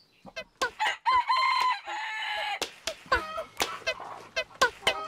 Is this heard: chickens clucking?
yes